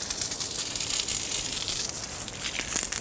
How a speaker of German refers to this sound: Wasser! Die Dusche. Ihnen ist sie ganz vertraut.